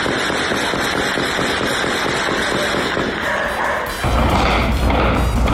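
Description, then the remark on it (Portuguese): Rapid, sustained bursts of gunfire crackle and echo in a nighttime shootout between rival drug traffickers in Cordovil, north zone of Rio de Janeiro, Brazil, shots coming thick and fast over several seconds before a louder, rumbling wash of noise takes over near the end. “Caraca, o tiro tá passando aqui, cara, no céu.”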